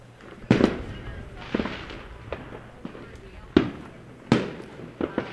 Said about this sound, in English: I think we might be hearing fireworks in our ears for the next couple days. Probably a good chance.